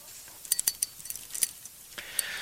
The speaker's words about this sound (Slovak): Kto sa teší, keď štrngám kľúčami? Asi nikto. Nerozumiete, prečo by som štrngal.